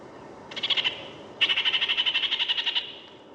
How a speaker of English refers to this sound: The kākāriki, the New Zealand parakeet.